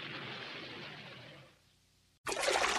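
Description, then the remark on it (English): Water trickles and rushes steadily in a bathtub filled with water and fluffy suds, fades almost to silence, then after a brief pause a louder burst of splashing water cuts in abruptly. No one speaks. “Well, here I am in my tubby again, and my tubby's all filled with water and nice fluffy suds.”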